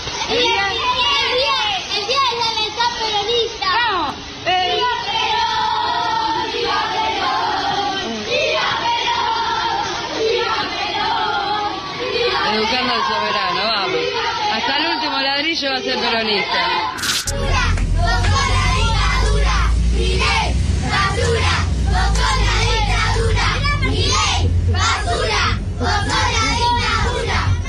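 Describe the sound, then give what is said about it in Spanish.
A large group of seven-year-old children chanting together in unison "Milei, basura, vos sos la dictadura", voices loud, with the crowd noise swelling and growing fuller partway through. “Nenes de 7 años cantando”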